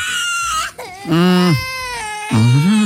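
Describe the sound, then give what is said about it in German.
A small child screams and wails in loud, drawn-out bursts aboard a plane shortly before takeoff, pitch sliding up and down, with brief catches of breath between three long cries. “Nichts gegen Kleinkinder. Ich habe neulich auch erst gelernt, dass die im Flieger gerne mal schreien, um den Druck im Ohr auszugleichen.”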